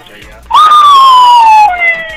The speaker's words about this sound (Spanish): No puede ser, la patrulla, ya nos cayeron.